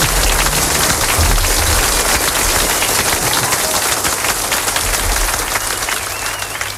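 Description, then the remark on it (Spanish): A crowd bursts into loud, sustained applause for musicians about to sing a song, dense clapping filling the whole stretch without pause before thinning slightly at the very end. “Un aplauso, venga, adelante.”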